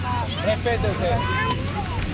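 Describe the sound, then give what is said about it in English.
Busy waterfront bustle on a crowded pier of the tiny island of Tabarca: overlapping chatter from many people, a steady low engine drone of boats, and some wind, all blending into a continuous crowded din. “The pier is very crowded.”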